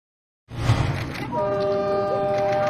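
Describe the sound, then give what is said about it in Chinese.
A Beijing suburban railway commuter train rumbles in loudly after a brief silence, then a sustained multi-tone horn blares over the rolling noise and holds steady to the end. “王建东乘坐的通勤小火车和刘鑫追逐的开往春天的列车有一个共同的名字，市郊铁路。”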